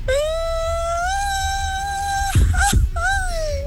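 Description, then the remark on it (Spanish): A traditional Mexican grito: one voice holds a loud, high-pitched cry for about two seconds, breaks off with a couple of rough, breathy yelps, then swoops back up into a final rising wail. “Mi grito mexicano sería.”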